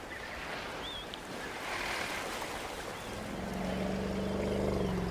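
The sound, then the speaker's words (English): Hippo bulls clash in a deep pool of an African river, with heavy, continuous churning and splashing and a low, droning groan swelling up over the final seconds. “Now they all congregate in the deeper pools of the river. Inevitably, the bulls clash.”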